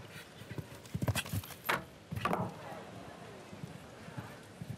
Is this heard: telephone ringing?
no